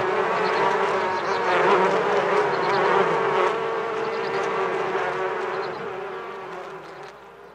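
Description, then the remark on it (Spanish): A dense, steady drone of many bees buzzing together, fairly loud, with a constant hum that fades slightly toward the end. No voices are heard. “Esta colaboración entre abejas y mujeres es una relación ancestral que se remonta a cuando los antiguos empezaron a poblar el continente.”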